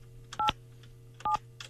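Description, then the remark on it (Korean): Two short pairs of telephone keypad tones sound clearly, each pair quick and evenly spaced, over a faint steady hum with no voices, as a Far East Broadcasting radio host dials a phone call to an elderly listener. “제가 이분 한번, 나이가 좀 많으시다고 하는데, 제가 한번 전화 한번 해볼게요.”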